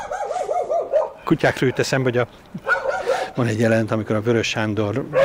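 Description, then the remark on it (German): Two dogs bark in loud, excited bursts as they jump against a fence in the Rómaifürdő district of Budapest, Hungary, rapid yaps and higher whining yelps coming in clusters with brief pauses between them. “Und genauso wie jetzt sind wir auch erschrocken, weil zwei Hunde gegen den Zaun gesprungen waren.”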